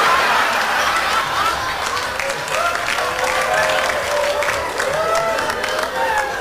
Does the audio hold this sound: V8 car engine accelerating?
no